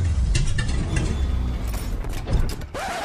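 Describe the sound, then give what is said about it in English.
A car engine, running with its fuel tank near empty, idles with a steady low rumble, overlaid with rattling, clanking mechanical noises and a brief whine near the end; no one speaks. “you sure this car will get us home?”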